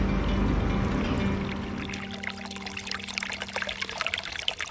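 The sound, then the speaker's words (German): Steady babbling of a small brook beside the shore of lake Simsee, next to reeds, water trickling and splashing continuously over stones with a bright, bubbly texture and low rumbling undertone, no voices. “Umgeben vom Schilf auf der einen und dem plätschernden Bach auf der anderen Seite sitzen wir am Ufer des Simsees und schauen aufs Wasser.”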